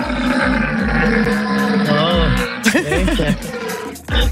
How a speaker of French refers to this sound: C'est impressionnant à écouter, c'est impressionnant à voir aussi. Ouais. Des cerfs que vous observerez peut-être au parc de Sainte-Croix à Rhodes.